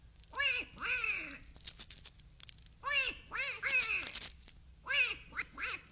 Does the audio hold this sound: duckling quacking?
yes